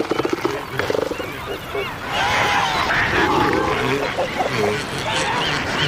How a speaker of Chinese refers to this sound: 但是一种成群聚集的庞然大物阻挡了王企鹅的去路。象海豹，现在是象海豹的繁殖季，这些重达4吨的雄性象海豹正在争夺